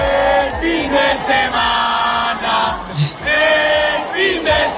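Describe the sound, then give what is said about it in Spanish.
A huge Spanish audience at a concert chants together in unison during a pause in the music, loud and sustained, with rising and falling melodic phrases repeated in rhythm like a stadium chant. “el público español a … le coreaba esto”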